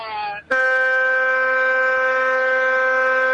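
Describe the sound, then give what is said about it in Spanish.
A trucker friend's truck horn blares in two blasts on arrival at Nuevo Torino, near Humboldt, Argentina: a brief honk, a split-second break, then a loud, steady, buzzy blast that holds for about three seconds. “Y si lo dejamos, le pega de largo, ¿no? Con la bocina.”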